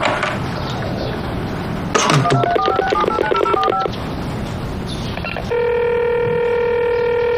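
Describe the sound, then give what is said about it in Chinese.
A quick run of phone keypad beeps as someone redials an unanswered call is followed by a steady, continuous ringback tone from the line, heard alone over faint background noise with no one speaking. “我再打一遍好了，万一没听到呢？”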